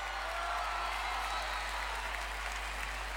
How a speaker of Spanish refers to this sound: Bienvenido, un aplauso, por favor.